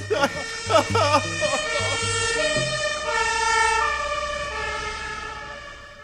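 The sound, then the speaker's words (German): A loud, steady alarm siren blares with a harsh, buzzing tone that shifts pitch once and holds. Voices talk over it briefly at the start before the wail continues alone. “Du musst jetzt nicht den Alarmknopf drücken.”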